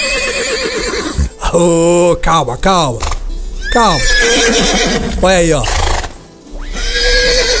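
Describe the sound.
A horse neighs and whinnies several times, loud descending whinnies with snorts in between, while a man speaks briefly over it.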